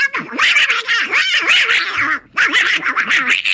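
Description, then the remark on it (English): A raspy, garbled Donald Duck voice squawks and sputters continuously, a nasal quacking chatter delivered loud, with a brief pause before the babbling resumes. “Donald Duck dropped in 1934, and Donald Duck has been voiced by the same, or was voiced by the same guy, the guy doing that voice right there from 1934 all the way to 1985 when he passed away.”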